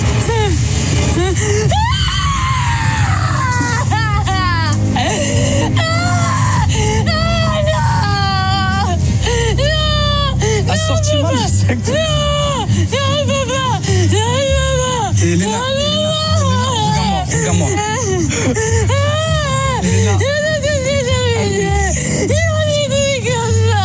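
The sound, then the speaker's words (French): Panicked screaming and wailing cries ring out almost nonstop, loud, with several voices rising and falling over one another against a steady low rumble like a moving vehicle. “Excuse bien sûr pour ces cris de panique et l'absence de sous-titres en radio, mais bon, vous aurez compris le fond de sa pensée.”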